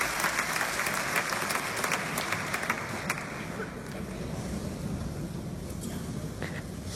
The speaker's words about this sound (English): People clapping, obviously, so. Yeah, so this is recorded from the back of the hall at the Paris Philharmonic.